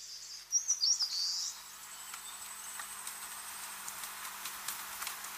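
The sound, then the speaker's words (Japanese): A quick, shrill burst of high-pitched calls from seabird chicks and a returning parent bird, several rapid pulsed notes, then fading into quiet outdoor background with faint scattered ticks and clicks, as the parent feeds the chicks squid and small fish from its stomach. “こうしてヒナは親鳥の愛情を受けながら少しずつ成長していきます。”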